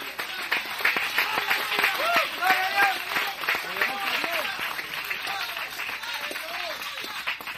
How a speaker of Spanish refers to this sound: Voy a aplaudir por alguno de ustedes que no trajeron manos.